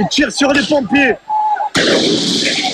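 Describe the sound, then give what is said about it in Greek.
Shouting voices give way to a brief whistle, then a sudden loud blast of fireworks erupts and keeps crackling and roaring to the end: rioters firing flares and fireworks straight at police during celebrations of Paris Saint-Germain's Champions League final win. “Εκτοξεύουν εναντίον τους σε ευθεία βολή φωτοβολίδες και πυροτεχνήματα.”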